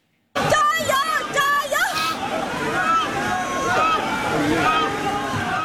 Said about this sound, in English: In Zhejiang province, teams put a unique spin on the festivities with a tug of war on water, paddling in opposite directions in a test of strength and teamwork.